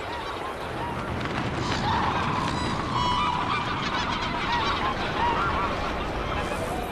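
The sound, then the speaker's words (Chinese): A large flock of waterbirds honks and calls continuously over Chagan Lake in spring as its ice thaws, many goose-like voices overlapping into a dense, steady chorus. “今年飞来湖面的鸟儿似乎比往年更多，水源充足，食物丰富，大批珍稀候鸟在茶干湖停留觅食，上千只国家二级保护动物白皮鹭正在这里筑巢、孵化和哺育。”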